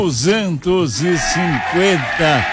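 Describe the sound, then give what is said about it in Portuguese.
A loud sheep bleat with a wavering, quavering tone, broken into about six quick rising-and-falling pulses over a couple of seconds, with no other sound. “Olha o ovelha aí, ó.”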